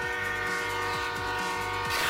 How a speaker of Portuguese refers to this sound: Ou estares perto de uma linha de comboios e passar um comboio a apitar?